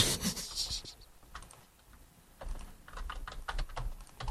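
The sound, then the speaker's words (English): Rapid, steady clicking of keys on a computer keyboard, with a brief lull in the middle before the tapping picks back up in quick bursts. “Because we're both typing.”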